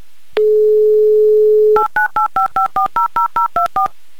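A steady dial tone hums for over a second, then a quick run of about eleven evenly spaced, two-pitched touch-tone beeps as a radio show dials a listener's phone number. No one speaks.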